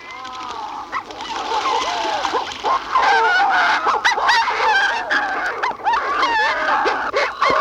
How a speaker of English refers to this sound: From the nesting burrow, the night shear water call.